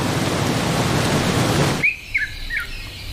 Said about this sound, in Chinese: 终于，雨季的来临让干旱得到了缓解，雨水滋润了干渴的大地。